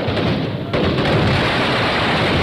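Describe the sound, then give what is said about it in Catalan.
A dense, loud roar of gunpowder firecracker explosions, with rapid bursts blurring into one continuous crackling rumble that jumps up in loudness partway through. No one speaks. “L'esclat de la pólvora ens ha servit per anunciar la festa, per donar importància a determinats moments de la festa.”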